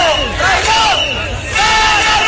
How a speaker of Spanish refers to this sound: Con gritos de dimisión del delegado del gobierno, al que acusan de traidor.